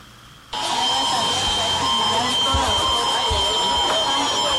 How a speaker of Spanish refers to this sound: Está sonando en este momento la alarma sísmica por el simulacro que este día se realiza en gran parte del país, en Oaxaca también. La gente escuchó la alerta, pero no hizo más que continuar con sus actividades como normalmente lo hacen.